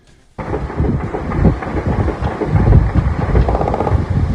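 Loud, dense rumble of several helicopters over Rio de Janeiro during a morning operation in communities of the city's south zone, with a churning low-pitched rotor throb, broken by scattered sharp gunshot cracks. It starts abruptly after a brief silence and holds steady throughout, with no talking.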